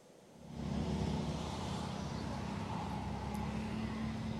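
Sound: road traffic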